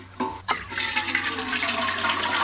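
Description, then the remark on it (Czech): Water pours steadily from a watering can onto tomato plants outdoors, a full splashing rush that follows two brief knocks and then continues unbroken to the end, with no voices. “Tak vem konev a jdem to ještě dozalívat.”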